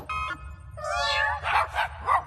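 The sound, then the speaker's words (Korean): A short chirp and then a drawn-out cat meow give way to three quick, punchy dog barks, fairly loud, with no one talking; a newly invented name tag changes the meow into barking. “울음 소리를 바꾸는 이름표야. 야옹 소리는 멍멍 소리로 바뀌어봐.”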